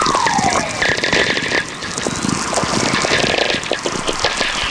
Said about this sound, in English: These whistlers are really coming in big streams now. There's just one whistler kind of merging into the other, all slowly descending in pitch.